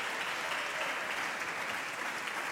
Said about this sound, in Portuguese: Os aplausos são do Chega.